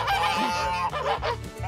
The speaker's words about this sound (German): Na, Gänse?